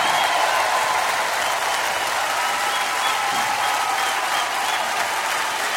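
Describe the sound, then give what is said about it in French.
A crowd applauds steadily for several seconds, a dense, sustained wash of many hands clapping with no voices standing out. “Wow, s'il vous plaît, applaudissez comme il se doit.”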